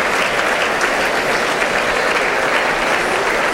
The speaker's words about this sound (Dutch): Ja, dat is applaus voor de muzikanten van Brussels Philharmonic.